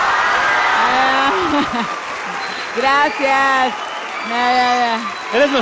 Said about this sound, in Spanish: Pero antes de eso, bueno, y antes de hacer, antes de aventar pelotas, queremos que le den un aplausote a su director